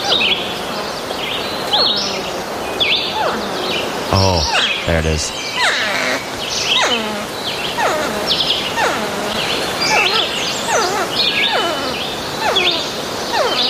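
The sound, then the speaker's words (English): A porcupine vocalizes in a rapid series of high, whiny, downward-sliding squeaks and cries, continuous, with a voice briefly speaking over them near the middle. “Living around here, you will, like, run into porcupines from time to time”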